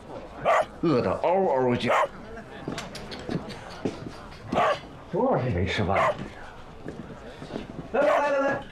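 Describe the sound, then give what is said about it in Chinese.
A hungry family dog barks and yelps in several short, excited bursts with brief pauses between them, fairly loud, its cries rising and falling in pitch. “润之啊，这不是你家那条狗吗？”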